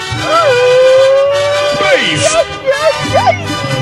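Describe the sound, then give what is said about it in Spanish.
A Mexican grito: one loud voice holds a long, steady high yell for over a second, then breaks into quick warbling, yelping bursts over a noisy background. “¡Ahí está el grito!”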